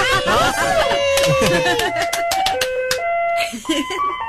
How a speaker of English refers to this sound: Well, I'm the mechanic for the ice cream trucks. Can you play the song for us? Yeah, can you turn one on for us? Yeah, let me turn it on. Hold on.